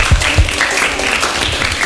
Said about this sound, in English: Eraser. Amazing, correct. Give applause.